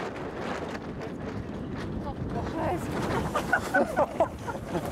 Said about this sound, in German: Wir sind ja losgefahren bei 15 Knoten Wind und wir haben jetzt gerade 22 Knoten Wind. Knapp 50 km/h.